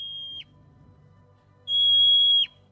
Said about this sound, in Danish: Det skal man kende. Det er et murmeldyr.